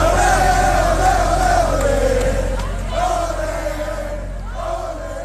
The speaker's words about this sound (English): As you can hear, it was a spirited crowd, and they were absolutely thrilled when Cabo Verde officially advanced.